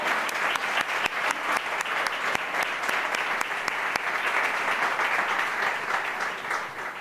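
An audience at a tribute ceremony applauds the next honoree steadily for several seconds, a dense, even wash of many hands clapping with occasional sharper individual claps standing out, holding at a constant loudness throughout.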